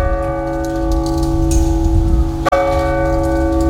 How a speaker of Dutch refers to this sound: en in de avonden de uurslagen van de klok van de dorpskerk in het centrum van Voorschoten. Tussen 7:00 s'avonds en 9:00 s'ochtends zijn ze niet meer te horen vanwege meldingen van geluidsoverlast.